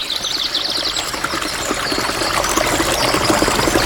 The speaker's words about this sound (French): Il entendit au loin une rivière et s'en approcha.